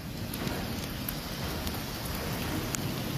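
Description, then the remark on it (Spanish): Steady heavy rain pours down on a street in Tamaulipas, Mexico, in a dense, unbroken hiss with a low rumbling undertone, a few sharper ticks of drops standing out, and no voices. “La lluvia cayendo a cántaros y los cables de alta tensión a escasas pulgadas amenazaban con rostizar a cualquiera que diera un paso en falso.”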